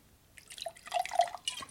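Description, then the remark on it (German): A drink splashes and gurgles briefly into a glass, its tone rising slightly as the glass fills over about a second, with no one talking. “Nochmal dasselbe.”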